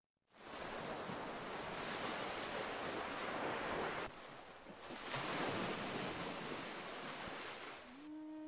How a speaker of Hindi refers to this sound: छब्बीस दिसंबर 2004 हिंद महासागर की लहरें मौत का तांडव लेकर आई। दक्षिण भारत के तटीय इलाकों और अंडमान निकोबार द्वीप समूह में सब कुछ तबाह हो गया।